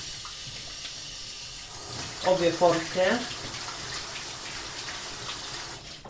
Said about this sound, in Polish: I teraz starannie muszę wypłukać mięso, które trafi do rosołu. Mięso oczywiście należy wypłukać bardzo starannie. Najpierw w zimnej, później w ciepłej i później z powrotem w zimnej wodzie.